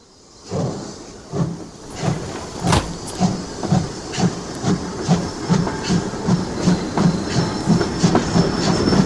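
A train rolls steadily past at a train station, its wheels beating a regular clickety-clack over the rails beneath a constant hiss, growing louder after the first moment and continuing throughout with no voices.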